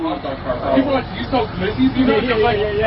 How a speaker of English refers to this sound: delivering those empanadas out of his food truck today.